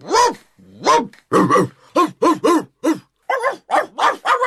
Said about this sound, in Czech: Konečně se rozštěkalo i několik lenivých psů.